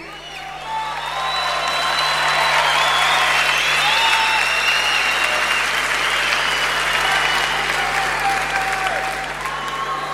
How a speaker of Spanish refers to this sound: Necesito que lo aplaudan con ganas. Uno de los guitarristas más emblemáticos que la Argentina entera ha dado.